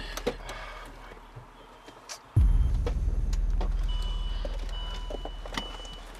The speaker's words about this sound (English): Your mom just parked her car.